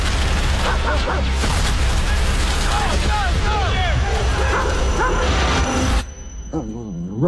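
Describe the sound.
A retired service dog whimpers in short, rising whines in a film trailer starring Brad Pitt as an Army veteran surviving the Alaskan wilderness, over a loud, dense roar of music and rumbling action; near the end the din cuts away and a softer whine or voice lingers alone.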